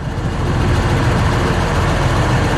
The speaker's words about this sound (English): You know, we don't always have the funding to go out and purchase platforms like this, something that's unique. A methane or natural gas fueled tractor. It's just really incredible for our program.